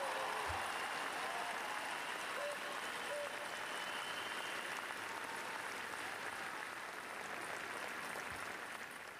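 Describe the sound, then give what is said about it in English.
Crowds gathered at the royal palace after a funeral service applaud outdoors as Queen Sonja and her family thank them, a steady, dense wash of clapping that holds at an even level for the full stretch, with faint murmurs beneath and no pauses. “After the funeral service, his widow, Queen Sonja, joined her family to thank the crowds who gathered at the royal palace.”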